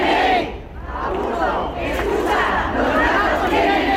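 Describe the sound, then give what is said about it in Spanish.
A large crowd chants in unison outdoors on the steps of Bilbao City Hall on a Sunday, at a protest by a group of feral cat colony caretakers, loud and rhythmic, with voices rising and falling in repeated surges over a steady roar of many people. “Y este que van a escuchar era uno de los sonidos del domingo en las escalinatas del Ayuntamiento de Bilbao.”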